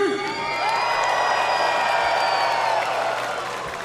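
A large crowd cheers loudly and continuously, a dense roar of shouts and whoops that holds steady for a few seconds before easing slightly at the end, in response to a question about which fighter will become middleweight champion.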